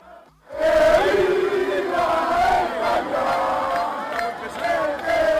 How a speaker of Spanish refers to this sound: Así sonó la victoria de la selección en las calles, en las plazas, en los bares, en las casas de Castilla y León y, por ejemplo, en Ávila. En la Fuente de los Delfines de Burgos.